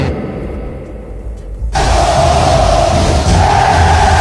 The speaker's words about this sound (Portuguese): É, agora a galera soltou o grito. Uma festa no Barradão.